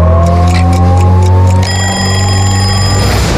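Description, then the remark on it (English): A clock ticks at a steady quick pace at 6:30 beneath a loud, droning hum, then a bright, high ringing tone joins in partway through. No one speaks. “the clock ticks at 6:30.”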